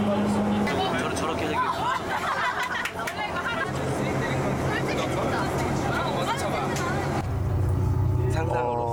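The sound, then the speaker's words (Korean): Steady low rumble of a moving bus carrying members of the Cheongsanri historical expedition on its third day, in clear weather, heading to Mount Baekdu, with overlapping passenger chatter and murmuring voices throughout, a busy babble that swells slightly toward the end. “맑은 날씨 속에 다시 버스로 이동 중.”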